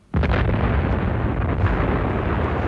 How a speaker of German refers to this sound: Es war eine Explosion aus genau der Richtung, in die Alva verschwand.